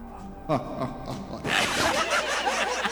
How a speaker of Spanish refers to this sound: Porque hasta se escucha así el ruidito como de las hojas y las pisadas, ¿no?